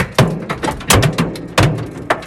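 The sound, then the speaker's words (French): Large hailstones, 5 to 7 cm across, pound against cars in the Aubenas basin, Ardèche, France, denting them, in loud, irregular thuds and bangs, several heavy hits standing out among quicker smaller knocks, with no voices. “Ce bruit impressionnant, la grêle qui se fracasse contre les voitures, cabossées par brise, parfois explosées dans le bassin d'Aubenas.”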